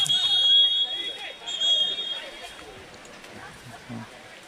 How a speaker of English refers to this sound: Seem to hear the whistle anyway. An extra loud whistle, that's for sure.